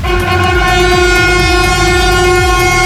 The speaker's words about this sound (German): Genau, und dann habe ich noch einen angekündigten ICE abgewartet. Das war ganz cool. Da haben die BauarbeiterInnen oben an der Strecke, die haben gewunken und da hat der Zugführer die schön zurückbegrüßt.